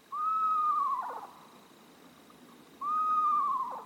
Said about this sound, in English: Screech owls, tiny, adorable owls, will happily raise their little ones in a nest box designed for them.